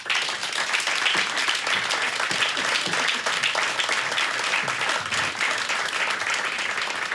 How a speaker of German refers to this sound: Oliver Alexi ist Professor an der Technischen Universität München. Und der Titel seines Vortrags heißt »Vom T-Shirt zum Transportsystem. Wie offene Innovationsprozesse die Welt der Arbeit verändern.« Bitte Applaus für Oliver Alexi.